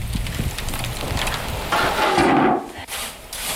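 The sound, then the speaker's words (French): Dense, irregular crackling and fine popping of bread just out of the oven, running steadily with a brief louder hiss in the middle and no voices. “le crépitement du pain qui vient de sortir du four.”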